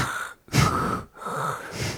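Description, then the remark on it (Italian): A voice imitates deep, heavy breathing right up against the microphone: two long, rasping breaths in a row, each broken by a brief silent pause, with no talking. “Ovviamente sì, ma mi dà ancora più fastidio quando si sente con il microfono aperto l'altro che non parla, ma si sente la respirazione così un po' profonda, tipo...”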